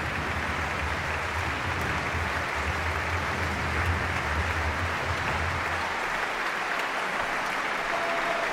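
concert audience applause

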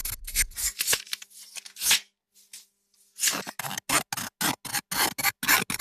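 scissors cutting paper

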